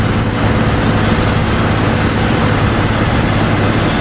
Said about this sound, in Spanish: Y así suena un avión Airbus A400M.